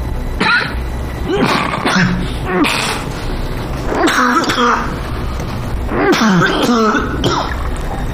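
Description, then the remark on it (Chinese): A person with a persistent cough that has been getting worse lately coughs and clears their throat repeatedly, several harsh, raspy bursts in a row, over a steady low background hum. “最近咳嗽越来越厉害了，明天我安排你去趟医院。”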